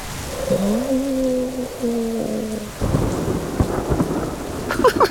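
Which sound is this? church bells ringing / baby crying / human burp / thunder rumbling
thunder rumbling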